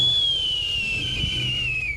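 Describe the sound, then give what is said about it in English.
A captive bird of prey gives a warning call: one long, thin, high whistling note that slides slowly downward in pitch for about two seconds over a low, steady rumble. “That's different from a warning call, which Benassi says he doesn't expect the bird would make.”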